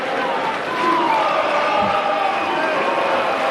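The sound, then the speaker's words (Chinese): A large stadium crowd of Brazilian spectators cheers at a tennis match between Djokovic and Fonseca, a dense, steady roar of many voices that holds loud for several seconds, with scattered shouts rising out of the noise. “巴西观众的热情再一次被点燃了。”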